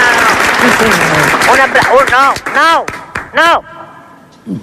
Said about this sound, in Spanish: Por lo tanto, pido a toda la gente que está aquí en este Teatro España, por favor, que mande un aplauso enorme a los oyentes